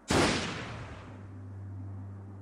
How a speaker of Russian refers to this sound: Тогда я просил приготовиться и начал громко считать. «Раз, два, три!» Тогда у Гранта блеснул красноватый свет и раздался выстрел.